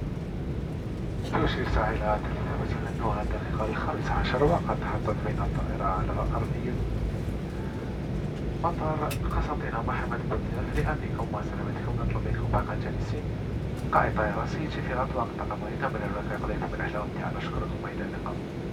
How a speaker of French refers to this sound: Il est à présent 15h passées de 15 minutes et nous venons tout nous poser sur l'aérodrome de Constantine Mohamed Boudiev.